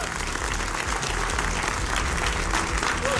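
A studio audience of children on the TV debate show Behas Baazigar claps steadily throughout to welcome them, a dense, continuous wash of many hands at a fairly even loudness, with no voices standing out above it.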